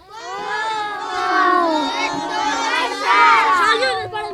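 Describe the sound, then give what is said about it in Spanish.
A group of schoolchildren shouting a 'bombita' cheer in unison for the Monseñor Cleto Loaiza school, loud, with many high voices rising and falling over a few seconds. “A ver, ahí la profe nos va a colaborar, a ver quién va a gritar una bombita para el colegio.”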